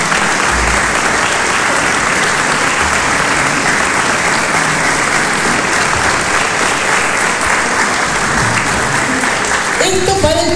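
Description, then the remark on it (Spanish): Sustained, dense audience applause for public school teachers and students, a steady loud wash of clapping hands that holds evenly for about ten seconds before starting to thin out at the very end. “Para poner en valor el conocimiento pedagógico que la escuela pública produce día a día, y esto merece un fuerte aplauso hacia nuestros docentes y nuestros estudiantes.”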